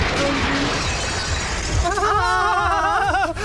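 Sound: glass or crockery shattering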